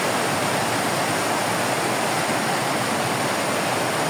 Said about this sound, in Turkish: Sabah saatlerinde başlayan yağış giderek şiddetini arttırdı.